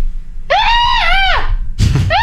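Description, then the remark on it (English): A person imitates a strange, intermittent animal scream, neither terror nor glee but a mixture of both: a long, warbling, high-pitched shriek about a second long, a brief noisy break, then the screeching cry starts again, loud. “Not a scream of terror or pain. No, but not like a scream of glee. It's kind of a mixture of both.”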